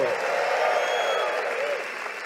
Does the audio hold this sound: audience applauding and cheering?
yes